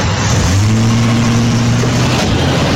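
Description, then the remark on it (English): A car engine roars, a loud rumbling drone with a steady low hum running through the middle before easing back, and no voices. “Now then, if you don't mind, sir, please, get in the car. I'll drive.”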